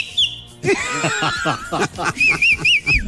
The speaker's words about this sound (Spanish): Es que chiflar es una cosa útil. Yo no entiendo a la gente por qué ya no sabe chiflar. Si no, es una cosa de verdad útil, importante en la vida.